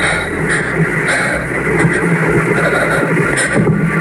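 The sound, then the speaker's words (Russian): A steady droning engine buzz from an unmanned drone still flying overhead, loud and continuous with a rough, wavering hum and no pauses, heard on its own without voices. “Еще летит.”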